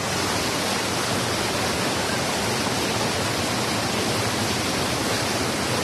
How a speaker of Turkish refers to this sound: şiddetli bir şekilde yağmur suyu hızlı bir şekilde müdahale ediyor bu bölgeye, toprak alana. Ağacın köklerini görüyorsunuz artık, ağacı da aşındırmış bir şekilde